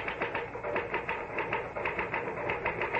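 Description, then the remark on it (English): A typewriter clatters steadily, its keys striking in a quick, even rhythm of sharp mechanical clicks with no voices over it. “Well, the truth is that the typewriter, or rather, Mr. Gahn, does all the brain work.”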